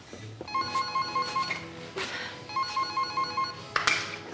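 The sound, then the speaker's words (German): A telephone rings in two clear electronic bursts, each a warbling, steady tone around a second and a half long, separated by a short pause, followed by a brief click. “Rufen Sie ihn bitte an, er soll vorbeikommen, und zwar hurtig.”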